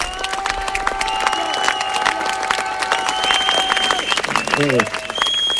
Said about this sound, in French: Donc je vous demande de les applaudir vraiment très fort.